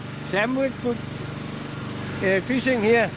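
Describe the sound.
A fishing boat's small motor is started again while a longline is threaded into a small winch on board; it runs with a steady low drone throughout, while a voice talks briefly over it near the start and again toward the end.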